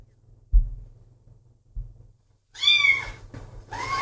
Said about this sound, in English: Alexa, ask Cat Razor, how is my cat? Your cat is still a baby kitten. Oh, there. It is lonely. Pet its ear. Pet cat's ear.